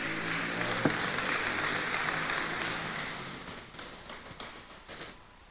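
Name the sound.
audience applauding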